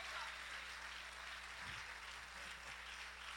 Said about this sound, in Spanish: Denle un aplauso fuerte al Señor en esta preciosa hora, aleluya.